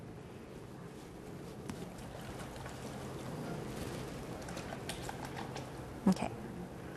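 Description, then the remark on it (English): Water pours steadily into a blender jar for several seconds, a continuous splashing rush with a brief louder clunk near the end, as water is added toward 2 liters for a recipe. “Next, we're gonna add in 2 liters of water.”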